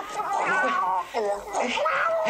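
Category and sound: animal, cat yowling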